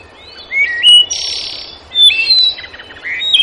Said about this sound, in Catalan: Doncs, a veure què diu aquell pardal d'allà dalt, d'aquell arbre.